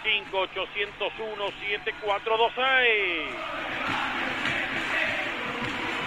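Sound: crowd shouting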